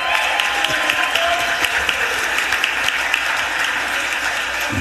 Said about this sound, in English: Let's give him a round of applause, y'all.